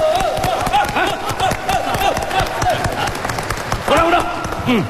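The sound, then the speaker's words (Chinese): An audience breaks into steady applause to cheer on a judo sparring partner, a dense crackle of many hands clapping that carries through the whole stretch, with raised voices and cheers rising over it now and then. “怎么样，在场的朋友给他加加油，鼓鼓掌，怎么样？来，好，鼓掌鼓掌。”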